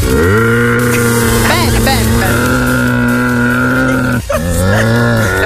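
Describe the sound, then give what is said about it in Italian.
A person imitates a camel with a long, loud, low groaning bellow held almost without pause, broken only by a brief catch near the end before it resumes. “Il cammello.”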